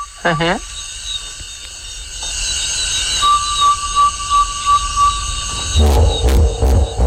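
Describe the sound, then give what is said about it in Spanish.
Hippopotamus grunting calls at night, a brassy, wavering honk followed later by a series of deep, rhythmic grunts, set against a steady chorus of insects buzzing in the background. “Y no había visto hipopótamos, o sí, a mi manera, de oídas.”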